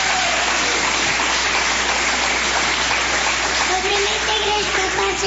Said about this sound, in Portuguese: Vamos receber a serva do Senhor com palmas que glorifique o nome do Senhor Jesus.